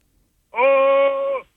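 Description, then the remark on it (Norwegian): A single loud, sustained vocal roar from a person roaring into a card held tight to the mouth, held at a steady mid pitch for just under a second, then cut off, with silence on either side. “Ja, så hvis du bare holder det opp nå ganske tett inntil munnen din, og så må du rope, eller brøle helst da, ganske høyt.”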